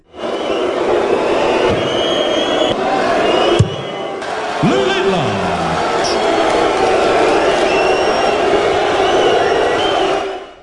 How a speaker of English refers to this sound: the crowd have been booing and whistling while he's been competing